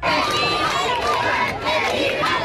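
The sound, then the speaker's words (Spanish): A large crowd roars with sustained cheering, shouts and applause, a dense, loud wall of voices that stays steady throughout with no pauses, cheering Pope Leo XIV as he rides standing in the Popemobile along the main facade of the Royal Palace in Spain. “Este es el momento, gritos de alegría, aplausos, vítores a León XIV que ha recorrido todo el frontal de la fachada principal de este Palacio Real en el Papamóvil, de pie saludando a todo el público.”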